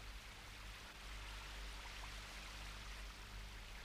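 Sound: rain falling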